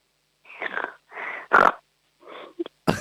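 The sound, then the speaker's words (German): A child imitates a piglet with a quick run of about five or six breathy, snorting grunts, moderately loud, separated by short pauses. “Dann hätte ich jetzt gerne, dass du mal grunzt wie ein kleines Schweinchen.”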